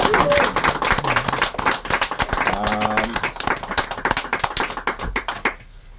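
An audience applauds in a steady, dense round of clapping with a brief whoop or cheer partway through, then the applause quickly dies away near the end.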